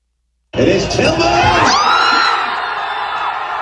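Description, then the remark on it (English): A loud crowd of soccer fans at Centennial Park erupts in cheering at the USA's final World Cup goal against Bosnia-Herzegovina, with whoops and shouts rising sharply from silence and sustaining as a dense roar of many voices. “There's a sound at Centennial Park last night. The fans reacting to the USA final goal against Bosnia-Herzegovina.”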